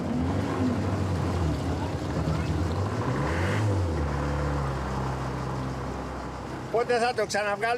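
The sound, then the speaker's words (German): The engine of a small boat on Aegina, Greece, headed for the sheltered harbour of Aegina Town, drones steadily at a low pitch, a continuous rumbling hum that holds for several seconds before a voice briefly speaks over it at the end. “Wir nehmen den Motor jedes Jahr einmal auseinander.”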